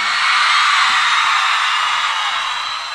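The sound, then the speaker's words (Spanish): A crowd of women in a live music show audience screams and cheers loudly and continuously, a dense high-pitched roar that holds steady for a few seconds before easing slightly at the end. “Solo quiero escuchar el grito de las atorrantas presente aquí.”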